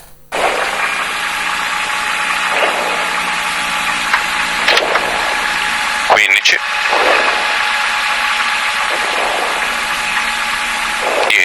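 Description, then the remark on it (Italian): A loud rally car engine recorded from inside the car during a rally shakedown, roaring steadily while the revs rise and drop with several gear changes, plus a sharp mechanical clunk partway through. “vediamo che cosa è successo durante lo shakedown. Salite in macchina con noi, volume a palla, andiamo.”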